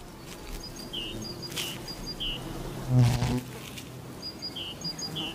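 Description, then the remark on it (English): Several bees drone steadily with a low buzz around pussy willow catkins, one swelling louder as it passes midway, while small birds chirp faintly in short repeated calls. “Each tree has either male or female flowers, so they depend on bees and butterflies to carry the pollen between them.”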